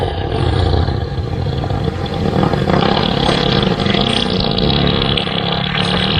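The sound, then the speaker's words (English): A long, loud elephant fart, a deep rumbling blast that carries on steadily for several seconds with a rough, roaring texture, with no talking. “You want to hear an elephant fart?”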